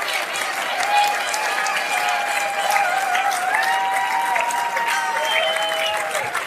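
Sustained applause from an audience for the Europa-Park dancers and a singer, a dense steady wash of many hands clapping for several seconds, with faint whistles or cheers rising above it.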